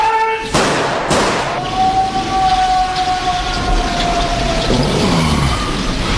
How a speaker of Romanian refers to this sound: El singur și-a dorit-o. S-a prăbușit în prăpastie. De unde s-o apuc eu să cobor până la el?